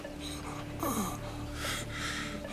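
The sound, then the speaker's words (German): Heavy, labored breathing: a few loud, rasping breaths with a gasping, wheezy edge, drawn in and pushed out over a steady low electronic hum. “Ganz ruhig atmen.”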